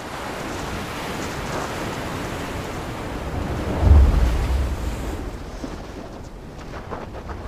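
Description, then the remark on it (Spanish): Heavy storm wind of 20 to 25 metres per second roars over a rough sea around a fishing boat. Broad rushing noise builds, and a big wave surges loudly near the middle before the sound settles back into steady gusty sea noise. No voices. “Mal clima. Vientos fuertes, olas altas.”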